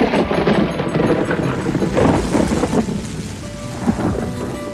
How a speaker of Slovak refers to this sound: Čo to? Prší, hrmí a zároveň slnko svieti?